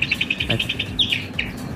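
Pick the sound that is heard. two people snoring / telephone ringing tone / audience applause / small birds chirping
small birds chirping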